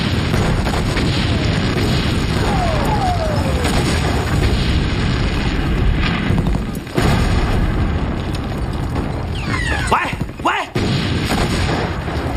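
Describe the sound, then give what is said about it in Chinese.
An artillery battery ordered into rapid fire: a dense, continuous barrage of rapid cannon fire and explosions rumbles throughout, with descending whistles of shells and two sharp, heavy blasts standing out; a voice briefly shouts the firing order over the din. “炮台注意，急速射击，开炮！”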